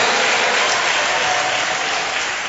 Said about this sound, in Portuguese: Vamos aplaudir ao Rei dos Reis, Senhor dos Senhores, isso, batendo palmas e dando glória. Eu escuto as palmas, mas não escuto glória.